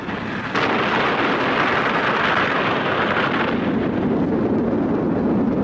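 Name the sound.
atomic bomb test explosion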